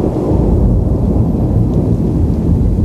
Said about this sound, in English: It was raining cats and dogs on a sultry day in my city, which is the city of the Queen of the Angels.